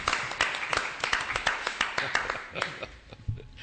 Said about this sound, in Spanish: Me vaya a permitir que, aunque sea de forma retardada, le dé este aplauso a Jesús. Muy bien, muy bien.